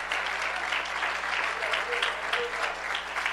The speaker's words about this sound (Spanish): Aleluya. Dele ese aplauso al Señor con alegría.